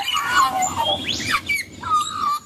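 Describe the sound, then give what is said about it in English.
An Australian magpie carols, a rich warbling mix of fluting notes, rising sweeps and squawky chortles that runs continuously with no one speaking. “It's a sound many Australians are familiar with. Magpies can be seen and heard in most corners of the country, so it's no surprise the black and white bird swooped into top spot as the most commonly spotted animal in the national survey,”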